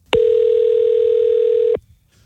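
A telephone dial tone before a prank phone call: one steady, loud, unbroken hum that holds for about a second and a half, then cuts off abruptly, leaving faint background noise.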